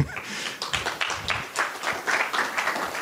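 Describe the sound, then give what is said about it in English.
An audience breaks into applause: dense, overlapping claps form a steady crackling wash at moderate loudness for about three seconds, with no one speaking over it. “Yeah, we can applaud that.”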